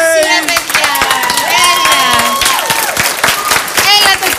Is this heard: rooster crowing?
no